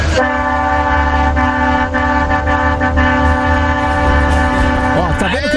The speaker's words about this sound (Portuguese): Os caras aderiram ao nosso buzinaço, gente. É isso, o povo tá gostando.